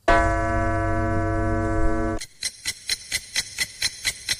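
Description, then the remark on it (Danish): A long, steady electronic tone sounds for about two seconds, then cuts to a clock ticking briskly and evenly, about ten crisp ticks in a row with no talking. “vi byrjar ved tikkun, du klar?”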